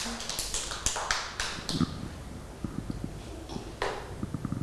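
Children clap their hands for a classmate in a loose, uneven patter of sharp, light claps, a few louder bursts standing out, lasting several seconds with no voices over it.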